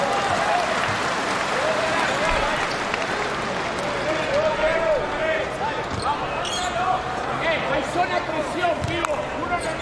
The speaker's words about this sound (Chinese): 没关系，掌声鼓励一下李洪全，加油加油！